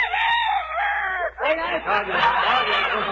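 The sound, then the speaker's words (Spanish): A loud rooster crows in one long, strained call lasting about a second, amid people betting coins on roosters; busy, overlapping chatter and more bird-like squawking follow. “Oiga eso. A la vez que le gallo que tengo yo, que hasta el contrario le está apostando a mí.”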